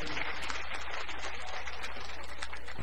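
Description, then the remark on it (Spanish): An audience applauds together, giving applause to God, a dense, steady wash of many hands clapping for about three seconds, with a low sustained hum underneath and no voices standing out. “Más, demos aplauso a Dios, estamos contentos, hermanitos.”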